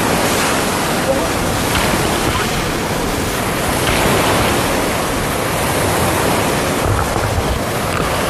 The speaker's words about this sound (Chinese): 七级西北风卷起的海浪超过一米，但这些熟悉海底地形的赶海高手任凭大浪翻滚依旧保持平衡。